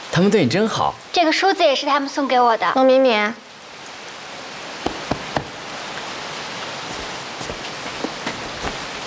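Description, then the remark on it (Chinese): Steady rain falls continuously, a broad hiss with a few sharper drops tapping nearby. Voices talk over the first few seconds before the rain carries on alone. “下雨了，爸，让我们来给你送伞。”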